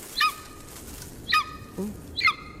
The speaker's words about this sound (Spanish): Es un águila. Águila real. Es un águila real.